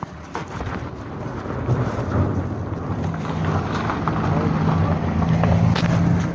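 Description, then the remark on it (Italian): A car passes by, its low rumbling road noise swelling steadily louder over several seconds into a broad, continuous roar. “Nel frattempo era passata una macchina.”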